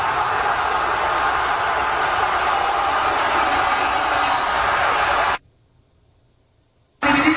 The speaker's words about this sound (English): How about some, can you get me some crowd reaction, fellas, from Guadalajara? That'd be nice. Hit me. They'll have it up in a minute. Guadalajara goes absolute limbs. God, these crowds are insane.